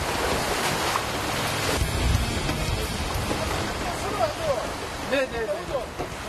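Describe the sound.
Rough surf churns and crashes steadily around a small boat during seaweed harvesting, the waves grown so strong that one can hardly stand on the boat. Gusty wind roars across the microphone, and a few brief shouts and voices cut through near the end.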